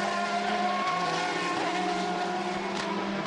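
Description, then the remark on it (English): Sean Galeil's race car roars steadily at high revs as it clobbers the curbs at Alta and comes down under the DHL advertising hoarding, through the right kink into the Lavazza's, a loud buzzing whine with strong harmonic tones that shift slightly in pitch partway through, with no voices. “Sean Galeil clobbering the curbs at the very end to Alta, now coming down the other side under the DHL advertising hoarding through that right kink and into the Lavazza's.”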